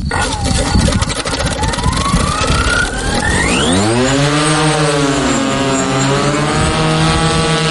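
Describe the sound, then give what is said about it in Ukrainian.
A Ukrainian long-range reconnaissance drone's engine in flight over enemy lines near the Kinburn Peninsula: after a few seconds of rushing noise, a whine rises, then a loud, steady buzzing drone with layered harmonic tones that gently waver in pitch. “Ми зараз літаємо прямо над ворогом, залітаємо йому за 10 кілометрів за ті лінії, де він стоїть.”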